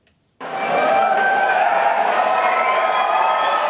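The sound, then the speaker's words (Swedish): After a split second of silence, a crowd at the no side's election-night party in Reykjavik, Iceland bursts into loud, sustained cheering as the no side wins the EU membership referendum, with overlapping shouts and high whoops that keep up steadily to the end. “Det blev till slut nej-sidan som fick jubla.”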